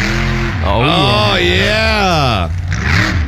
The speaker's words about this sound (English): Monster trucks are coming back.